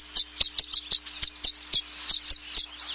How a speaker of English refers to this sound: Once nesting season ends, these violet-green swallows seem to know it's time to party. They usually nest as single pairs in cavities or nesting boxes. But now, they gather on electrical wires by the dozens in the western United States, chattering